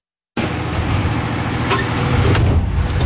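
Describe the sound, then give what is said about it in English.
Construction noise from new homes and high-rises being built in Kitchissippi Ward, Ottawa: a steady, loud machinery rumble with a heavy low drone, broken by a couple of brief higher-pitched clanks. No voices are heard. “This will be the soundtrack for a while. It's constant new homes and high-rises being built.”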